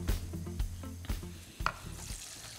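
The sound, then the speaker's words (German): Water is poured onto Basmati rice in a hot pan and sizzles, a steady hiss and crackle lasting a few seconds, broken by a few sharp clicks and clinks, with a low hum underneath and no talking. “So, Wasser gebe ich drauf.”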